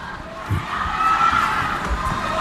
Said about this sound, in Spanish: La gente grita, ¿eh? Y han sido 7 minutos de parón, parón.